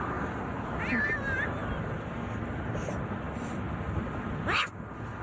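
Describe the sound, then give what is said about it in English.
A small black kitten lets out a few thin, distressed meows as it is picked up during a rescue from the median of a busy highway in New York City, over steady roaring traffic noise, with one sharp, louder cry near the end as the rumble continues. “And then it was a rescue of a different kind along a busy highway in New York City, where a little black sleeping kitten was on the middle of the median.”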